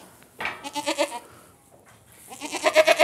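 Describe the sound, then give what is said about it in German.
A goat in labor, straining to push out a kid that is thought to be very large, bleats in two strained, wavering calls, the first from about half a second to just past one second, the second louder and rising toward the end, with a short quiet gap between them. No one speaks. “Oh, jetzt presst sie aber. Oh, und jetzt so quält sie sich natürlich jetzt.”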